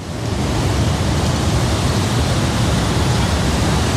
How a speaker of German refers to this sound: Dann siehst du auch gut von oben. Und zu diesem Wasserfall von der Ängstlichen steigen wir jetzt runter.